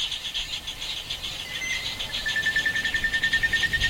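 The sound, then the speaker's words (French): A dense daytime nature soundscape recorded in the wet season: steady high-pitched insect buzzing and chirping fills the air, with scattered bird calls and a rhythmic pulsing chorus building toward the end, no voices. “Donc on peut commencer par écouter un son qui a été enregistré la journée en saison humide.”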